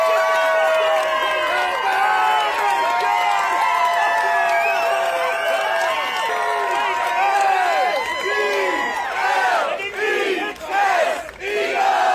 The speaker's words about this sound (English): This is a much happier NFL fan clip. They're cheering about something